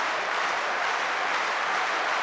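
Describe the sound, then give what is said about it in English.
A tennis crowd applauding at Wimbledon's Number One Court on a Saturday evening of the championships, during a match with Bublik serving: a dense, steady wash of clapping at even loudness throughout, with no voices standing out. “Have a listen to this crowd, folks.”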